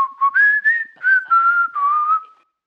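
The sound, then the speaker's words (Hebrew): A king whistles a cheerful tune to himself as he turns and walks away, a bright, clear melody of about six short connected phrases that rise and dip gently before fading out. “הוא חייך, הסתובב, והלך כשהוא שורק לעצמו שיר עליז.”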